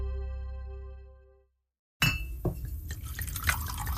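A sustained ringing tone fades into a brief silence, then whiskey pours steadily into a glass, a splashy, gurgling stream with small clinks, no talking.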